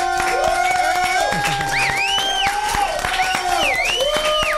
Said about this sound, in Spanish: Denle un aplauso.